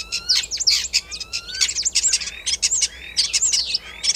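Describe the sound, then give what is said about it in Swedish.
A common starling sings a busy, varied medley of whistles, clicks, rattles and sliding notes, mimicking other species including wood sandpiper, common crane, fox, common snipe, magpie and yellowhammer, delivered continuously with no voices. “lyssna på vad du och Mats Ottosson hör för andra djur här när, som staren härmar”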